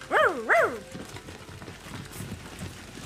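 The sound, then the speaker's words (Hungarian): A dog that is being chased gives two quick, high-pitched yelping barks, one right after the other, then only a low murmur of background noise and faint voices remains. “Itt egy kutya üldözik.”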